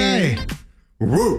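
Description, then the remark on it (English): A person imitates a chihuahua barking, letting out two loud, yappy vocal barks separated by a short pause, with pitch swooping up and down in each. “What kind of dog are you giving? Definitely a chihuahua right there.”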